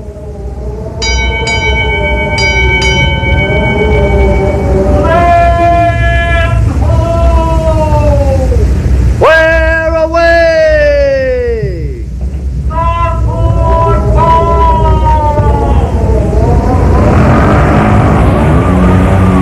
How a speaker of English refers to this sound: Creak of the rigging? Listen to the wind whip the sails. Yes, boys and girls, Sailor Sam's big schooner, the Porpoise, plunges swiftly through the waves, eager to serve her master.